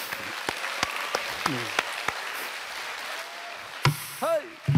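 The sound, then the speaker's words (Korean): An audience applauds in a steady, dense wash of clapping, with a few sharper individual claps standing out and brief vocal calls rising over it near the end. “이럴 때 박수 한번 쳐 주십시오.”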